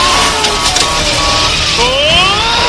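A police car crashes into another police car and spins on the pavement: a loud roar of engines and road noise, with shrill rising tire squeals sliding upward near the end.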